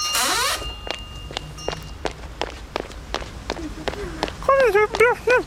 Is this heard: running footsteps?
yes